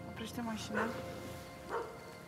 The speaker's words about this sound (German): Die Hunde bellen.